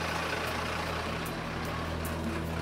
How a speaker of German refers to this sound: Und die Feuerwehr tastet sich langsam vor. Gas geben!